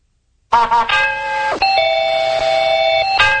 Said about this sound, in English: That noise! Oh, that's the mail bell.